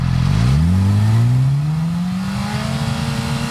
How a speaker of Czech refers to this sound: Mobilní hlukoměr se při kontrole připojí k vozidlu a změří jeho hlučnost při různých otáčkách motoru.